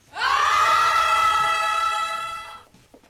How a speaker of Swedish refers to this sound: Nu har Svenska kyrkan i Härnösand en kampanj som kanske kan råda bot på det här, men på ett annat sätt. De uppmuntrar unga att skrika i kyrkan så att det hörs till himlen. Kan lyssna hur det lät när SVT var där.